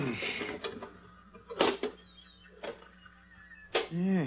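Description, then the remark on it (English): A small rusted iron box the size and shape of a brick, found in a demolished chimney, its lock rusted away, being pried open with a pinch bar: several sharp metallic clunks and scrapes at uneven intervals, ending in a creaking squeal as the lid gives way. “There was a lock there, but it's rusted away. Hand me that pinch bar.”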